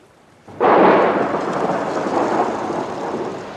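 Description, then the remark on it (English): After a brief quiet moment, a loud storm on Lake Galilee suddenly bursts in: a dense, roaring rush of wind and huge waves crashing into a boat that stays heavy and steady until the end, with no voices. “Suddenly, there was a great storm. The wind blew and huge waves splashed into the boat.”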